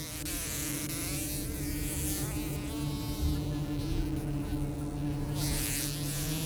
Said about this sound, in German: Diesen Sommer wohnen wieder Wespen zwischen Seitenwand und Dach. Sie verwenden das Holz und Styropor des Hauses, mischen es mit Speichel und formen daraus ihr eigenes.